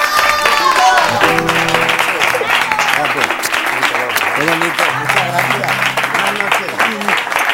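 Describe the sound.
Loud, sustained audience applause fills all seven seconds, a dense steady clatter of many hands, with music and a few raised voices running underneath.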